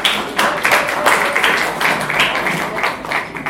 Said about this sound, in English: So, please, can we clap for it, please?